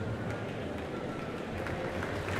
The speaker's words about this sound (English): Well, that applause you can hear now. Soloist Alina Ibragimova is coming onto the stage with tonight's conductor, Elena Schwartz, to perform Felix Mendelssohn's Violin Concerto in E minor with the BBC National Orchestra of Wales.